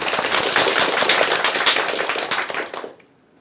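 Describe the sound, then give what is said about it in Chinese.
Dense audience applause welcoming a professor to give a model recitation, many hands clapping steadily for close to three seconds before stopping abruptly and leaving near silence. “接下来我们就请姚教授来为大家示范诵读，大家掌声欢迎。”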